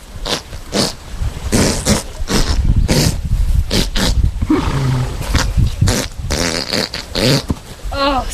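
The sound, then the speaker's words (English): A horse passes gas in a long, loud series of sputtering, rumbling blasts that keep going for several seconds with brief flapping pauses, with no talking. “It was a woman who owned a horse, and the horse was very gassy.”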